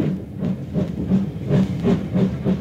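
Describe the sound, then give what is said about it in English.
A train starts moving, rumbling along with a steady, rhythmic chugging pulse, low and heavy with breathy bursts of steam, fairly loud, with no voices. “A guard's whistle blew, and the train began moving.”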